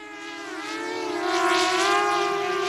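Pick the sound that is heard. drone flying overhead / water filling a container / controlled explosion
drone flying overhead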